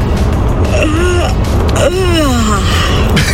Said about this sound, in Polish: to było super ziewnięcie.